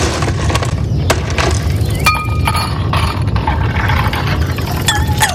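On a hot day, ice cubes clink against a glass in several sharp, bright taps at an irregular pace, over a steady low rumble like an engine or traffic in the background.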